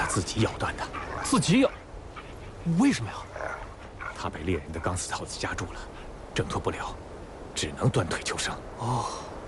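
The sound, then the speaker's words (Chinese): An injured wolf, its front leg half broken off and bleeding after being caught in a hunter's wire snare, whimpers and lets out short, pained yelps in scattered bursts, while people talk over and between the cries. “没事， 狼挺凶的。”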